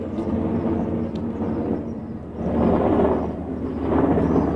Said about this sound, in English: Sorry, just a lot of noise here from the helicopter traffic as the leaders shuttle in and out, and the French military continues its patrols of the skies here in Evian.